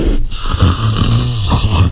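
A deep, rasping, snore-like leopard call with low guttural rumbles, loud on its own with no talking, the big cat's sawing breaths running through the whole moment.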